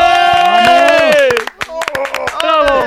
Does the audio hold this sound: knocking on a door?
no